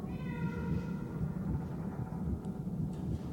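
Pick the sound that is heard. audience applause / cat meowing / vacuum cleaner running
cat meowing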